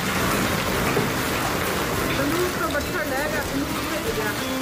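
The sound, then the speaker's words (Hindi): Heavy evening rain with strong winds and hail pours down in a steady, dense roar with gusty wind, loud for the whole stretch, while faint voices are briefly audible beneath the downpour. “शाम होते होते तेज हवाओं के साथ बारिश शुरू हुई, जमकर ओले भी गिरे।”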